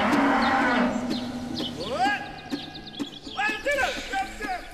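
A cow named Ilonka moos several times in close succession, deep drawn-out lows that rise and fall in pitch, loud against a faint background.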